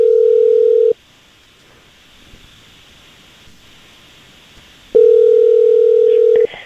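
A telephone line ringing on the other end during a call placed live on the radio by the Jesse James Morning Show: two loud, steady electronic ring tones separated by a long quiet pause with faint line hiss, heard as if through the handset.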